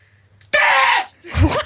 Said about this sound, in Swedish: Och så där lät det när jag skrek.